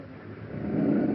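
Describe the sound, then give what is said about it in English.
A woman patient's labored breathing through an oxygen mask while an ambulance is on the way: a steady, raspy rushing sound with a low rattling undertone, swelling slightly louder over a brief stretch, with no voices. “Is it the forced breathing that's making the noise?”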